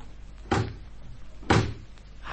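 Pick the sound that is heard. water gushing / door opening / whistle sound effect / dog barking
door opening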